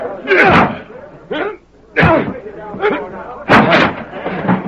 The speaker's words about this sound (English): There were three shots. They must have come from the window.